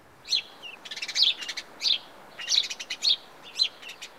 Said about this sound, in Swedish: Passer domesticus är det vetenskapliga namnet på den här fågeln. Vet du vad det blir på svenska?